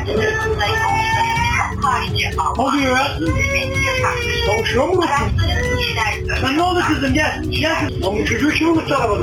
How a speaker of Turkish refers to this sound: Olanlardan habersiz araca dönen şoför bir süre ilerledikten sonra duyduğu ağlama sesiyle neye uğradığını şaşırdı.